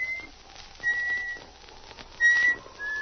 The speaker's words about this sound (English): He missed the comforting companionship of his dog as he walked through the shadows of the spruce trees and began to whistle to keep up his courage.